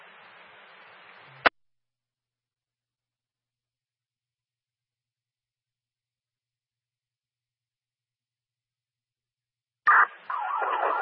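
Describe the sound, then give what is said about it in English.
A burst of radio static cuts off into silence, then an emergency vehicle siren blares loudly over a fire department two-way radio channel for the final second or so, harsh and compressed, from Medic 1 as it responds to a medical call at 85 Grove Street in Wellesley. “Apologies, siren.”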